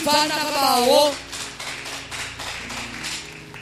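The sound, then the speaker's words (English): A voice calls out briefly, then an audience breaks into steady, moderately loud clapping, a dense patter of many hands lasting a few seconds. “Why don't you clap for the love of God?”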